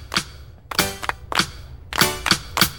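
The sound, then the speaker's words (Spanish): Rhythmic hand clapping in a clapping game played to the beat of a song: six sharp, bright claps, the first few evenly spaced and the last three coming a little quicker, with no voices. “Vamos a jugar a aplaudir al compás de esta linda canción.”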